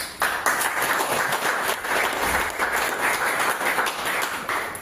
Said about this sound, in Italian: Applauso d'obbligo